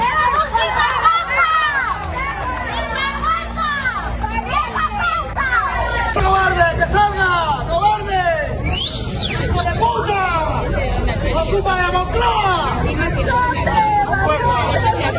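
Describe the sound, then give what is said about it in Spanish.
A crowd in Noblejas, Toledo, Spain, shouting insults at the president of the Spanish government as he visits an industrial complex, many voices yelling over one another in a loud, continuous, chaotic din that lasts throughout without any break. “De todas formas, tengo que decirles que ha tenido hoy un mal día el presidente del gobierno, porque después de este acto ha vuelto a España y van a escuchar cómo le han recibido en Noblejas, en Toledo, donde ha ido a visitar un complejo industrial.”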